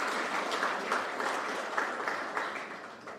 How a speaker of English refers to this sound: our extraordinary jewelers who have stood the test of time through the good and bad times, through every aspect of our independent history, I want to applaud you, and I ask everyone in this room to give them a resounding round of applause.